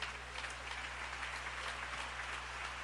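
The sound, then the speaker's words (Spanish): An audience applauding together for God, a steady dense wash of many hands clapping at once, sustained and fairly loud throughout with a low hum underneath. “Si ese aplauso es para Él, de lo más fuerte.”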